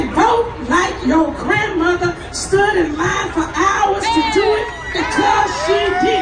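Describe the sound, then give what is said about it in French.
A dense crowd listening to a woman's speech urging African American voters to vote cheers and shouts without pause, many voices overlapping in a loud, steady roar, with rising whoops breaking out near the end. “Un message répété pendant son discours devant la foule.”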